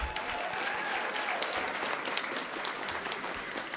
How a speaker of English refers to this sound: I want to thank our jury. Thank you very much. Everybody applaud for the jury.